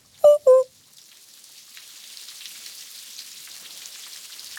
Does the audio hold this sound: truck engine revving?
no